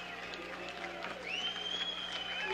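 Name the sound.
baseball crowd cheering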